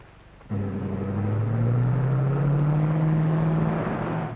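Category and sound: vehicle, car approaching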